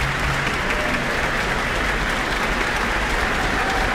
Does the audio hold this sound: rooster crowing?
no